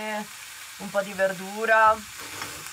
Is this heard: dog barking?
no